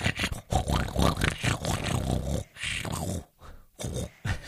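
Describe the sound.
A voice imitates a pig's snoring with a run of rough, gravelly snorts and grunts in quick bursts and short pauses, fairly loud throughout.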